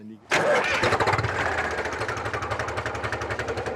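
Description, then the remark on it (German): A wood chipper shared by a chipper co-operative, in use for a fruit farmer, catches with a sudden loud roar, then settles into a steady, rapidly pulsing mechanical chug that keeps running without letup. “Und heute habe ich den Häcksler noch.”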